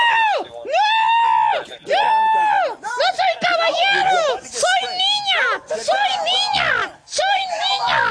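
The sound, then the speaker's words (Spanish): A voice imitates the frantic screaming of a man in a heated argument at an apartment complex, shouting at police: a loud run of shrill, strained wails and shrieks, one after another with barely a pause, rising and falling in pitch. “y empezó a gritar: ¡Déjeme solo!”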